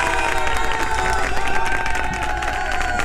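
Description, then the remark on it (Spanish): A crowd applauds and cheers steadily for a team, dense clapping blending with loud, sustained shouts and whoops that hold at an even level throughout. “Un aplauso para ese equipo.”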